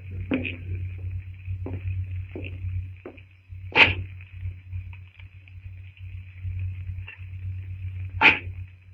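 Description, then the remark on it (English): Greystoke's axe chopping wood in a silent jungle at night: two loud, sharp strikes about four seconds apart, with a few fainter knocks before them, over a steady high drone and a low rumble. “The sound of Greystoke's axe echoes through the strangely silent jungle.”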